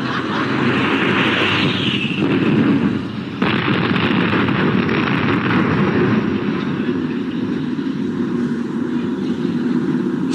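A loud, steady roar of aircraft engines fills the whole stretch, broad and rumbling as planes pass overhead, with a brief dip partway through and no voices.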